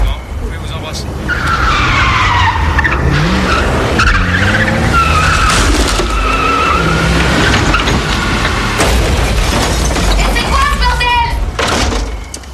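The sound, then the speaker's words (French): A car skids loudly and crashes into a house, tires screeching in long wavering squeals for about ten seconds, with rough crunching noise mixed in before it cuts off abruptly. “Regarde, t'as démoli ma baraque avec ta bagnole!”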